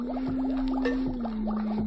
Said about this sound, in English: Notice what happens when I tap on the glass jar.